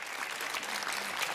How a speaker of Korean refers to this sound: 네, 여러분 멋진 특강 들려주신 송호진 기자님께 마지막으로 큰 박수 부탁드립니다.